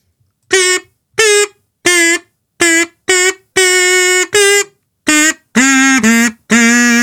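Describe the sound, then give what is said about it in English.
A buzzy kazoo plays a simple tune of about ten notes, short bursts and a few longer held tones at shifting pitches, loud and alone with short gaps between phrases. “Right, time for the 1 Second Wonder, which today, of course, with it being a Thursday, comes beautifully played on the kazoo.”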